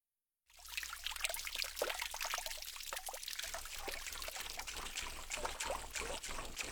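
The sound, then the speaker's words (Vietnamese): A thin stream of water trickles weakly from a leak, dribbling steadily with small irregular splashes and gurgles, fairly quiet, continuing without pause after a brief silent start. “Ở đây thì chúng ta có từ choro choro là âm thanh của chất lỏng, chẳng hạn như là nước chảy nhỏ giọt, nghe tí tách từng giọt như vậy ạ.”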